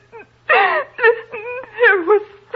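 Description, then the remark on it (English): A woman crying and wailing in loud, wavering bursts after waking to hear someone in her room at night, her voice sliding up and down in pitch through several sobbing cries with short catches of breath between them. “Well, stop crying and tell me what it is.”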